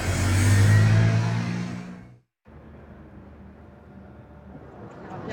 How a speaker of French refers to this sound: À la sortie, pas d'autographe ni de photo pour ses fans, plutôt un départ en catimini du théâtre Édouard VII en scooter.